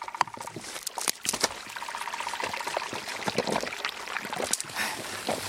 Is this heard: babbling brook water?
yes